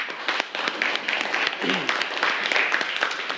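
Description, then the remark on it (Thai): Students in a classroom applaud a classmate after feedback on the classmate's artwork. Many hands clap together in a dense, steady patter for a few seconds at an even, moderate loudness, with no clear break or fade. “โอเคครับขอเสียงปรบมือให้เพื่อนหน่อยครับ”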